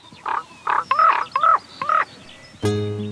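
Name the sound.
common raven croaking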